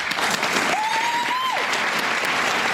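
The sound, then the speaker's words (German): A theatre audience applauds steadily throughout at the premiere of a play in the Kammerspiele, dense clapping from many hands at an even, loud level, with a brief faint whistle-like tone rising and falling partway through. “Viel Applaus bei der Uraufführung.”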